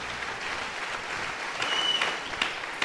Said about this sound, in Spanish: Dele un buen aplauso al Señor y dele la gloria a Dios. Amén. Aleluya.